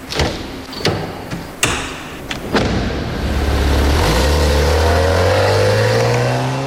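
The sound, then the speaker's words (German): Several sharp thuds of a car trunk and doors slamming shut in quick succession as a crutch is taken out of the trunk and a passenger is helped out of the car, followed by an engine starting and revving up steadily as the car pulls away. “Er holt seine Krücke aus dem Kofferraum und hilft ihm aus dem Auto.”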